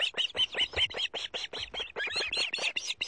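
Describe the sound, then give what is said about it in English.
A rapid series of high, piercing whistled chirps from an osprey at its nest as it delivers a fresh fish to its mate and chicks, repeating steadily for several seconds with no pauses. “Osprey are impressive birds of prey with a wingspan more than 5 feet across.”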